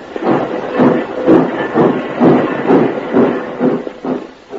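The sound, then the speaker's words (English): A small steam locomotive, the only one working a rail yard congested on every track, chugs along, its puffs coming in a steady, even rhythm about twice a second, loud, with no voices. “Congestion on every track, and only one tiny locomotive to do the work.”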